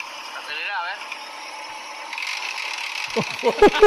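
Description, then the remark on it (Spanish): A voice imitates Castillo's broken racing car, whose timing has failed. It starts with a wavering drone and builds into rough, ratchet-like sputters and rattling bursts toward the end, fairly loud. “¿Quieren escuchar cómo está el auto de Castillo?”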